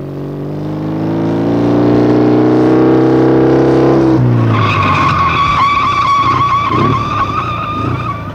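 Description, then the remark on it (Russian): A motorcycle engine drones steadily and loud, then breaks into a long, shrill tire screech as it brakes hard and skids, the squeal fading out with the engine's rumble. “Почему ты затормозил, Карл?”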